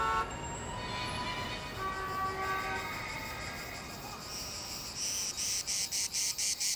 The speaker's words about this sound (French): Ouais, c'est l'été, les cigales chantent, à condition qu'il y ait des cigales à Los Angeles, bien sûr.